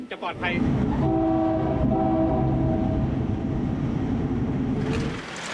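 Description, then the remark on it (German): A train horn blares in a long, steady blast lasting several seconds, loud, over the heavy rumble of a passing train, honking at a level crossing on the line from Mahat Chai toward Bangkok, where cars cross constantly; the train runs no faster than 30. “Wir müssen vorsichtig sein, hupen oft und achten auf unsere Geschwindigkeit.”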